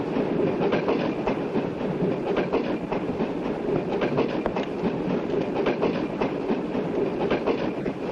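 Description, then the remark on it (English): A train rumbles steadily along the rails, its wheels beating out a continuous loud clickety-clack rhythm, with no voices. “Stop the train! No right. I want to get off.”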